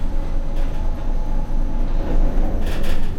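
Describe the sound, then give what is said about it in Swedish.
An orange construction hoist cage on the outside of a building under construction, used by staff and for materials, rumbles into motion along a steel mast after a button is pressed, with a steady low mechanical drone, broken by brief metallic clanks and bursts of brighter hiss. “Den orangea korgen löper upp och ner genom en stålmast som byggs på allt eftersom huset blir högre.”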